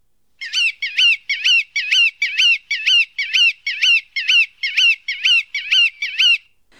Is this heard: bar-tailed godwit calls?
yes